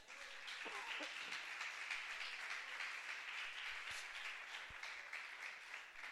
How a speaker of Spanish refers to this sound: ¿Crees que Cristo se merece un aplauso en esta mañana?